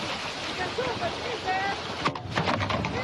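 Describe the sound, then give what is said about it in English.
A Palestinian tractor engine runs steadily outdoors while getting water from a stream for a village, a dense rumbling drone with wind buffeting the microphone and a few clanks and knocks near the end; faint voices may be mixed in. “Palestinian tractor getting water for the village,”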